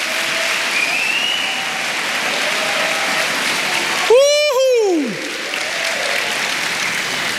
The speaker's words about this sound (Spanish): Vamos, dale palmas al Señor.